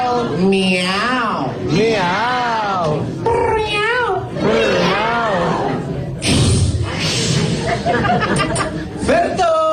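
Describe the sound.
A human voice imitates cat meows, repeating a string of loud, drawn-out wailing glides that rise and fall in pitch, with a brief noisy burst partway through.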